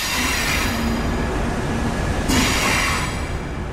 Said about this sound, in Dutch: Zo, we zijn de trein op. Ja, we zitten in de trein.